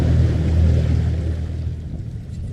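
A small outboard motor on a skiff moving through brush drones steadily, its low hum joined by rushing water and breezy noise, easing off slightly near the end. No one speaks.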